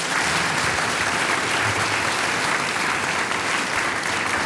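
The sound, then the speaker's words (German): A sustained burst of audience applause, many hands clapping densely and steadily at a loud, even level throughout, with no break or fade. The audience in a hall applauds Mayor Gernot Esser of Pöls-Oberkurzheim. “Bürgermeister Gernot Esser, ein Applaus für dich und du kommst zu mir zum Tratscherl.”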